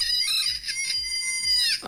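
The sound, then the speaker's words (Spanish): A rooster crowing sound effect, loud, one sustained call held for nearly two seconds over a steady repeating low thump. “Y también su gallo, a ver qué le toca en esta ocasión.”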